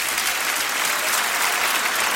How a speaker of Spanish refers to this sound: Dale un aplauso grande.